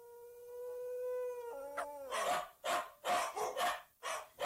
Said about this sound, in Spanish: Y empiezan los malditos perros. ¡Callan sus condenados!